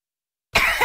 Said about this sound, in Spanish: La tos, ¿no los deja dormir en casa?